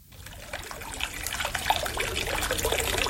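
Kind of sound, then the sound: nature, trickling water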